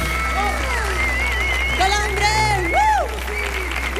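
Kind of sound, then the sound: crowd, audience applause and ovation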